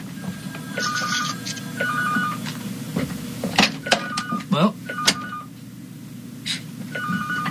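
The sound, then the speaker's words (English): An electronic telephone rings in repeated short warbling bursts, clear, at radio station WBCQ during a live broadcast, while a man speaks briefly over a steady low hum. “I don't know what phone that is.”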